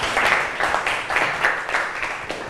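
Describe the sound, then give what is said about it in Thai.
A class of students applauding group 3 after its presentation on health drinks, with steady, dense clapping that swells and dips in several waves across the whole stretch, fairly loud and with no voices over it. “แก้อาการหวัดได้เก่งมากปรบมือให้กับกลุ่ม3หน่อย”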